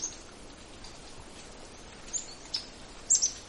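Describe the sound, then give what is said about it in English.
A few short, high-pitched chip notes of a yellow-rumped warbler feeding among leaves in a fall flock, spaced irregularly and clustering toward the end, over a soft, steady outdoor hiss. No one speaks. “I hear the little chip of a yellow-rumped warbler.”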